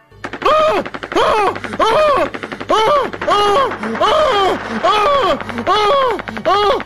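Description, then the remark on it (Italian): A voice imitates a long burst of machine-gun fire, about 200 gunshots heard over a telephone receiver: a loud, steady string of rapid pitched pops rising and falling in quick waves for several seconds over a low hum. “Il signor Vito viene raggiunto dal suono alla cornetta di 200 colpi di arma da fuoco che lo uccidono sul colpo.”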